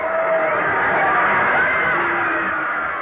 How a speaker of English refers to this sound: Listen to that crowd.